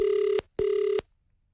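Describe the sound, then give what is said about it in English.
Two steady electronic ringback tones heard from the caller's end of a phone line as a radio host calls a random listener, each lasting about half a second with a short gap between them, clear. “I'm calling somebody random. Please be on your phone.”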